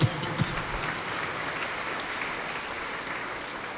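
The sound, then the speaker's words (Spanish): An audience claps for the Lord together in a sustained, dense wash of applause, steady and fairly loud throughout, with a couple of sharper individual claps near the start. “¿Cuántos dan palmas al Señor?”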